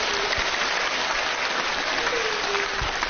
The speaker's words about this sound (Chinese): 掌声送给他。